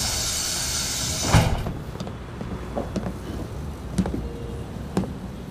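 A door is opened with a sharp clunk near the start, followed by a few softer knocks and clicks over a steady low rumble.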